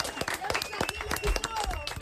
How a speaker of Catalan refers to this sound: Molt bé, això mateix, fort aplaudiment.